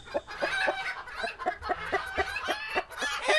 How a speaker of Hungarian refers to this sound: Hát, igen, vagy ha tyúkokat hallgatsz. Egyébként én hallottam már tyúkokat, akik egészen hasonló hangot adnak ki, mint az emberi nevetés.